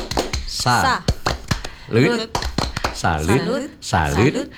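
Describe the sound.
A group performs the Indonesian 'tepuk salut' clapping chant, clapping hands in a quick rhythmic pattern, sharp claps falling in short bursts between loud voices chanting along in unison.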